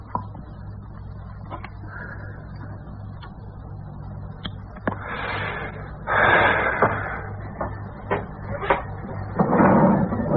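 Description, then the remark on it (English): A drawer slides open with a rough wooden scrape, surrounded by sharp clicks and knocks and a low steady hum, then a second scraping slide near the end, moderately loud; something wrapped in white cloth is taken out of the drawer. “From a drawer, he took out something wrapped in white cloth.”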